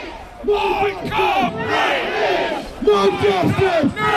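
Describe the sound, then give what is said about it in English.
A large protest crowd gathered outside Southampton's Central Police Station shouts in a dense, continuous roar of overlapping raised voices, with rising, angry cries that swell louder toward the end. “Well, protesters gathered outside Southampton's Central Police Station earlier.”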